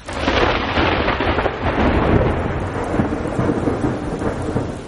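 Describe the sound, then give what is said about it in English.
Heavy rain pours down steadily while low thunder rumbles and rolls throughout, a dense, continuous storm with no voices. “You know, the thunder, the lightning, the water, the heavy rainfall hitting the surface, all those things can serve as cues and let the toads know that, hey, the pools might be refilling.”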